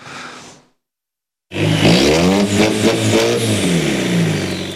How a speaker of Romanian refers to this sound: O stradă din Timișoara a fost transformată într-un salon de mașini turate, motoare turate la maximum, sute de cai putere și caroserii modificate până la cele mai mici detalii le-au atras atenția trecătorilor.